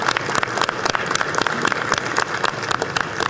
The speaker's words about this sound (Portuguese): E por esse motivo, outra salva de palmas para a nossa querida amiga.